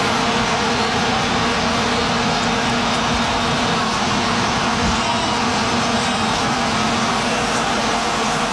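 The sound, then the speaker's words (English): Vuvuzelas, long trumpet-like horns, blare in a stadium, a continuous buzzing drone on one low, steady pitch, loud and unbroken throughout, thick with a roaring wash of crowd noise. “Yes, vuvuzelas. Those long trumpet-looking horn things.”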